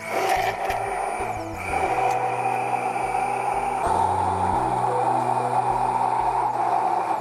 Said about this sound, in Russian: Дальше мы берем блендер и начинаем туда потихоньку вводить растительное масло тонкой струйкой. Вот так вот.